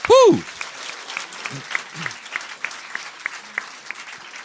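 An audience applauds the jury of a preliminary round, a dense crackle of many hands clapping, opening with a short loud vocal whoop before the clapping carries on at an even level.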